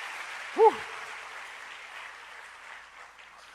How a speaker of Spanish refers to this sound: No, un aplauso para los muchachos, lo hicieron muy bien, qué bien.